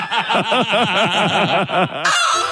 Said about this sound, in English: And when you hear our mad hen clucking, give us a buzz